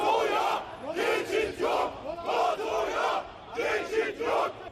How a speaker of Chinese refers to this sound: 与此同时，在北约峰会召开前夕，在土耳其伊斯坦布尔和安卡拉两大城市，5日均出现反北约示威活动。在首都安卡拉，大批示威者走上街头，高举反北约标语，并高喊北约此路不通的口号。